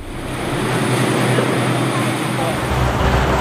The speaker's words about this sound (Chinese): 我现在呢是在从赤壁去往对岸乌林的这个汽车轮渡上